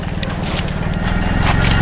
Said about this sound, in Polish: Tutaj pod daszkiem stoją dwa motory, dwie riksze i pod taką wiatką, możemy powiedzieć garażem, już motor odpalany. Souza Motors. Nie wiem, czy taka marka jest w Polsce.